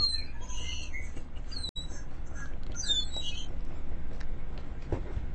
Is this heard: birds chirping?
yes